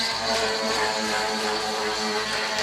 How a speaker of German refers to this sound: Ja. Klingt eher wie eine Säge, oder? Ja, so eine Kreissäge, ja, oder irgend sowas. Ist aber ein Jetski. Ja, nicht am Mittelmeer unterwegs ein Jetski, sondern auf dem Eisteich in Riedlingsdorf